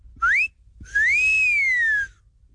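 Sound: a person whistling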